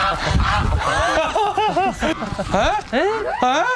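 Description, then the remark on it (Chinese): A goose honks in a rapid run of loud, nasal calls, each squawk rising and falling in quick succession, with brief pauses between bursts and some rustling commotion underneath. The goose has taken over a black-bone chicken's nest as people try to catch it. “这是啊，这鹅占了乌鸡的窝了呀。”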